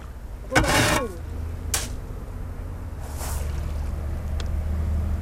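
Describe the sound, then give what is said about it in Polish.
A small boat rocks on the water with a steady low rumble, a few hollow knocks and scrapes against the hull, and a brief swish of water, as it is held in place for a woman to climb aboard before it heads out for feeding. “Trzymaj mi tutaj łódkę.”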